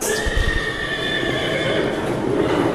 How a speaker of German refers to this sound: Und das ist hier ein ängstlicher Pferd.